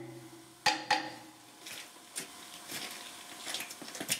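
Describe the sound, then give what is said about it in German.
A hammer taps the bolted joints of a steam locomotive to check by the sound whether they are tight. Two sharp, ringing strikes with a bright metallic tone are followed by a run of softer, irregular knocks and clinks. “Also wir nutzen den hier, um Schraubverbindungen abzuklopfen.”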